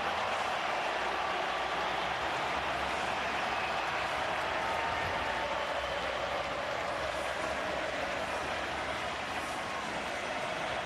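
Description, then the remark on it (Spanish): A huge stadium crowd breaks into sustained applause as Messi appears before Argentina's match against Jordan, a dense, steady wash of clapping and roar that holds at an even, loud level throughout, with no one speaking over it. “Aparece Messi, se transforma en aplauso.”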